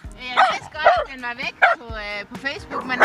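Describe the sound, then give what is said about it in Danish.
A dog barks loudly at a microphone, a rapid series of about six sharp, high-pitched yapping barks with short gaps between them, some tailing into whiny tones. “Der var en hund, der ikke var så glad for mikrofonen.”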